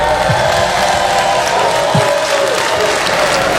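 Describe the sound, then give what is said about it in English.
Thin, unenthusiastic applause from the married people in a comedy show audience, answering Cat Williams's call to make some noise, a steady patter of clapping that holds at an even level throughout with no voices over it. “Who would ever want to be married with two mothers clapping like that?”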